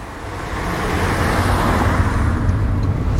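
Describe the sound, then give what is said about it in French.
Steady interior road noise from a car driving to someone's parents' home in the Mellois, Deux-Sèvres, France, along the road once taken to school: a broad continuous rumble with low engine drone and tire hiss that holds at a fairly loud, even level throughout, with no voices. “Et là on a pris la voiture obligatoirement parce ouais.”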